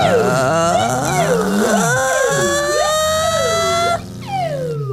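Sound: ambulance siren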